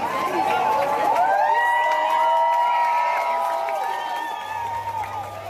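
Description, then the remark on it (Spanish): A crowd in the Balearic Islands cheers loudly after the total solar eclipse, with many overlapping whoops and high shouting voices and some scattered clapping, the excitement holding steady before easing slightly toward the end. “Durante los segundos de plena oscuridad había silencio y asombro para luego terminar con aplausos.”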